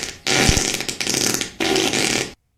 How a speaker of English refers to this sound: who do you want to fart on?